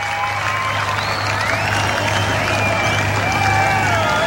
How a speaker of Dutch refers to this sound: En ondertussen roept het publiek: we want more. Dat is zo.